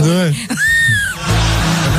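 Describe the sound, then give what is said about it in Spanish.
A voice imitates a strangled, choked scream, the sound of trying to scream in a dream: a short groaning vocal sound that rises into a thin, strained high-pitched squeal, then breaks off into breathy noise. “Cuando quieres gritar en el sueño y tú crees que estás cantando en el sueño.”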